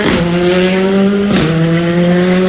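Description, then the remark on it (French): A white Ford Fiesta rally car, number 22, roars past with its engine loud and strained. There is a quick gear change about halfway before it pulls hard again. No voices. “C'est une Ford Fiesta qui passe à présent.”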